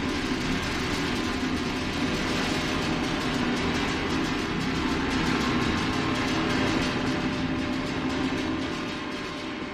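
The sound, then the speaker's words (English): A train rumbles past, a loud, continuous roar of rolling wheels and engine that holds steady for the whole stretch before easing slightly at the end, drowning out a live concert recording from June 6, 1992. “Sounds like a train drowned them out”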